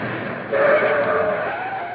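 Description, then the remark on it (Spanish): A car pulls up and stops outside: a broad rushing engine and road noise swells midway, with a thin steady squeal like brakes, then holds at a level rumble. No one speaks. “Parece que ahí afuera se ha detenido un coche.”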